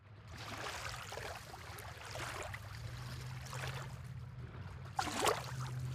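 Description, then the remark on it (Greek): Small sea waves lap and slosh against a hard edge in a small picturesque harbour with little caique boats, in overcast weather, in irregular soft splashes, with a brighter slap near the end, over a steady low hum of engine or harbour noise. “ο καιρός εντάξει δεν είναι ηλιόλουστος, αλλά αυτό το κλουτς, κλουτς, κλουτς, κλουτς, κλουτς, κλουτς της θάλασσας είναι ό,τι πρέπει.”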